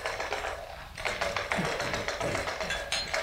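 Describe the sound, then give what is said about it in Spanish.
Dice rattle and clatter across a table in quick, uneven bursts of sharp clicks and taps as four men play dice, with a steady background hum and no talking. “Estos cuatro hombres se juntan casi todas las noches para eso. Para jugar a los dados.”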